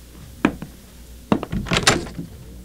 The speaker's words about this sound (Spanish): Abriré la puerta.